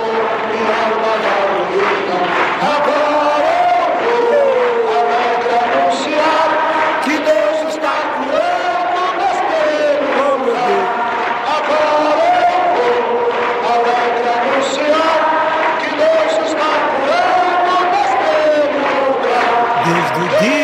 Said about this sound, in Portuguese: Sim, isso é marca da nossa igreja. É a marca da igreja Deus e Amor, os corinhos, com a multidão.